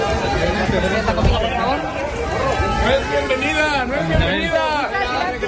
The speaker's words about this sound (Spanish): Ayuso ha sido recibida hace unas horas entre abucheos y frases como «No eres bienvenida».